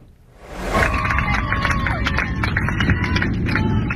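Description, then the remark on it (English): Airplane passengers on an Israel-bound flight erupt into steady clapping and cheering on learning they are safe on the ground, with high whoops rising over dense, continuous applause that starts abruptly and stays loud throughout. “Quite a moment there, new video showing passengers cheering and clapping when they learned they were finally safe on the ground.”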